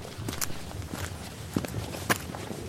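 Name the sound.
footsteps walking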